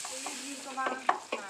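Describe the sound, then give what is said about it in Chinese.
Fish slices coated in egg white and starch sizzle and crackle steadily in hot oil over low heat, frying until golden; a dense hiss with a few sharper pops and stirring clinks near the end, with no voices. “再将鱼片下锅，慢火炸熟，待色泽金黄便立刻捞出”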